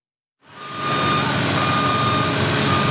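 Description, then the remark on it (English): A man lift's warning beep rings out over a loud, steady wash of construction noise, with saws grinding as workers build cabinets and finish a new educational center for the Harlem Heights Foundation; it starts abruptly and holds constant, with no voices. “Man lifts were beeping and saws grinding as workers built cabinets and were busy finishing the center.”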